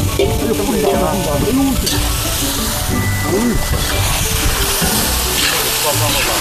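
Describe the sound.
Freshly caught river fish, lightly seasoned, sizzles loudly and steadily as it goes into a hot pot to be stewed in river water, a dense crackling hiss with people talking over it.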